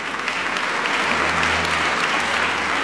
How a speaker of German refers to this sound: Und auch im alten Rom wurde schon nach Theateraufführungen geklatscht.